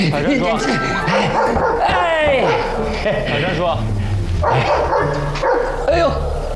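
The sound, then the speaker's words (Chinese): A dog barks and yips in a quick, excited run of sharp calls, mixed in with people talking amid a busy, noisy background. “哎呦， 狗狗仔啊！”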